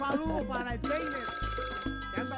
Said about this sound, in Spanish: no le puedo seguir oyendo ese audio porque le timbró el móvil y eso, mejor dicho, me tiene aturdida aquí con ese audífono.